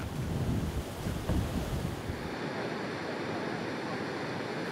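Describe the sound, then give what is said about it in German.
A steady, loud roar of a river rushing over and flooding the only road in the mountains, broad and churning, with gusty rumbling in the first half that settles into a constant hiss. “Der Grund, ein Fluss hat die einzige Straße hier im Gebirge überschwemmt.”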